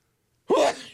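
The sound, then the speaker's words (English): A single sharp sneeze from a person in a radio booth bursts out after a moment of silence, loud, with a breathy, noisy tail that fades quickly. “Pardon me while I sneeze.”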